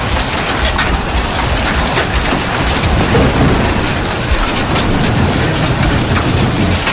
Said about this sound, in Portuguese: Chuva de pedra aqui no loteamento.